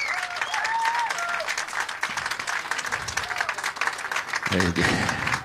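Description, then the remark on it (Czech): Sustained applause from a live audience at a show broadcast on Rádio Impuls, a dense steady wash of clapping with a few whistles and crowd noise, and a voice briefly cutting in near the end. “Jako jestli budete takhle dlouho tleskat, tak přetečeme normálně, to by byl průšvih, ale já bych chtěl posluchačům Rádia Impuls jako říct, že atmosféra je tady vynikající”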